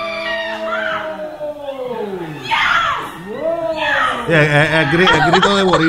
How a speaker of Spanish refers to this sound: El grito de boricua. Grito de guerra. No es grito de placer, es de guerra.